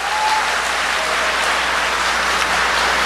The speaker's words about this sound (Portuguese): Pode aplaudir, pode aplaudir, pode aplaudir. Aplaude, aplaude, aplaude.